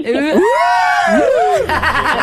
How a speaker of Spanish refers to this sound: Emocionada, nerviosa. Un grito chulo.